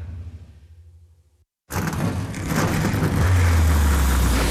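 A car engine idles low and steady, cuts out briefly, then roars back loud, revving hard with a rising, sustained growl.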